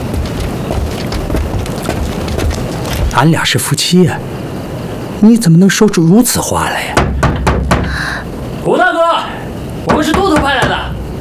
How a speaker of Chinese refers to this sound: 快去敲门吧。